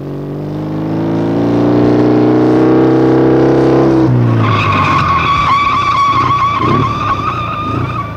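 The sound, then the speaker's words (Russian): A motorcycle engine drones and climbs in pitch, then gives way to a loud, sustained screech of tires as the rider brakes and the motorcycle skids to a stop, prominent, with no voices. “Почему ты затормозил”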